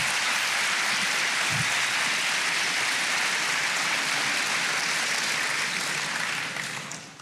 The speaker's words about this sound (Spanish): Denle palmas al Señor.